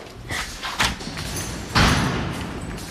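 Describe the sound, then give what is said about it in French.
A door marked for artists' access only opens with a faint click and some shuffling, then a heavier thud as it swings or bumps, with no one talking. “Alors, on a descendu pas mal d'escaliers. On a ouvert des portes.”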